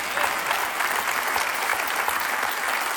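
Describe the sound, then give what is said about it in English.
A crowd claps steadily in sustained, dense applause that stays loud and even for about three seconds, with no voices standing out. “We applaud, but in all reality, folks, this is not a dramatic announcement.”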